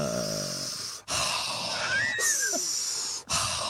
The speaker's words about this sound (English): Mindful breathing. I think I kind of do that because I